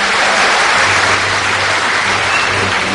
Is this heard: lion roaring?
no